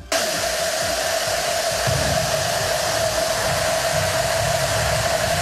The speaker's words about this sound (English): Me, I don't know if you can even tell it's a cowbell, but that's what almost 42,000 cowbells actually sound like all one together.